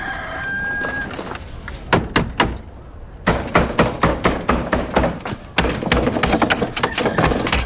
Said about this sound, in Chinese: 干什么呀？一大早上的使劲砸门，什么意思啊你？